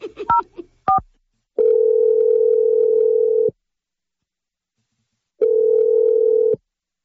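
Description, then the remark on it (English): A few quick touch-tone keypad beeps as a phone number is dialed by the radio show Brooke and Jeffrey in the Morning, followed by two long, steady ringing tones on the line separated by a pause of silence, clear. “Yeah, we're going to dial his number right now.”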